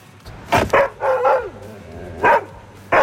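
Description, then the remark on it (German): A Belgian Shepherd dog named Danger barks outdoors at the Eurovision Village on the Ring by the Burgtheater, in a handful of sharp, mid-pitched woofs: a quick pair, then a drawn-out grumbling bark, then two more spaced barks over a low steady hum. “Ein belgischer Schäferhund namens Danger.”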